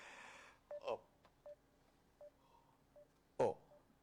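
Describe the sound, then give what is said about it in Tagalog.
A sequence of short electronic keypad beeps from a phone being dialed to call someone's cellphone, spaced irregularly over a few seconds, with a brief noisy burst at the start and another louder one near the end. “tawagan kong cellphone niya.”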